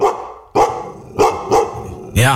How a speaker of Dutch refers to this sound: Een grote hond van 2 bij 2 en die baas was ergens ver achterin, die kwam onze kant op gerend.